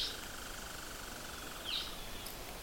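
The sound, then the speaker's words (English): A red-eyed vireo sings short, high, slightly querulous phrases, two or three of them spaced well apart, over a steady background hiss with no voices. “That kind of funny, strange sound, like a complaint. That's a red-eyed vireo.”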